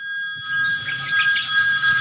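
A telephone rings with a bright, trilling electronic tone that holds steady for a couple of seconds, fairly loud, with no voices.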